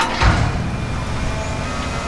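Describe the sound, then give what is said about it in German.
Steady low rumble of heavy machinery at road works on Königsbrücker Straße in Dresden's Neustadt, between Albertplatz and Bischofsweg, with a sharp scraping or clunking impact near the start, as excavators dig, shovel and lift out stones. No voices. “Da wird gebaggert, geschaufelt, es werden Steine ausgehoben.”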